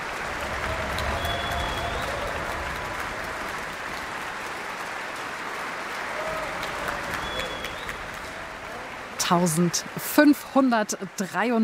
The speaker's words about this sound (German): Jetzt gibt es noch einmal viel Applaus für die Bläser und besonders für das Hornsolo.